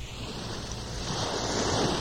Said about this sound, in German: Ich höre schon die Brandung, das Wellenrauschen. Wir sind auf dem Wege zum Meer. An die Nordsee, an die Ostsee oder meinetwegen auch ans Mittelmeer. Hauptsache Strand und Wasser.